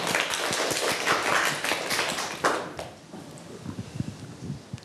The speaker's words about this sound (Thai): ขอเสียงปรบมือให้กลุ่มที่3ด้วยครับ